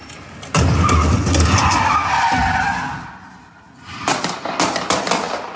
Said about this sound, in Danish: Den her video, som jeg har fundet hos TV2, viser sådan en hvid bil, der vender 180 grader meget hurtigt, kører ind i en stor skraldespand, imens den gør det, og så samtidig så følger en politibetjent til fods efter bilen og skyder adskillige gange